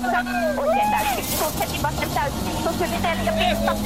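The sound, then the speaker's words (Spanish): A rally car engine roars from inside the car of driver Pekka Lapi and co-driver Eni Malkonen on a rally stage, its pitch climbing and dropping as it revs through the gears, with steady loud road and wind noise and faint voices underneath. “ahora estamos arriba del auto de esa Pekka Lapi junto a Eni Malkonen, que era la navegante que decía Alejandro.”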